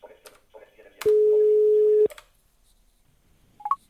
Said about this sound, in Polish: Słyszę, że telefon dzwoni.